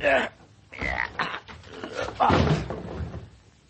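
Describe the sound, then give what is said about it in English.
A locked door is rammed with a shoulder: heavy, jarring thuds, then a loud splintering crash as it gives way, with raised voices mixed in. “Well, stand out of the way while I put the shoulder to it.”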